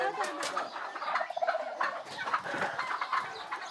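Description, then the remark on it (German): A busy flock of poultry kept by nuns, with turkeys gobbling and chickens clucking in overlapping bursts, continuous throughout, a lively barnyard chorus without a pause. “Die Eier, auch die Puten und Hühner, wandern nach einem erfüllten Federviehleben in den Topf der Schwestern.”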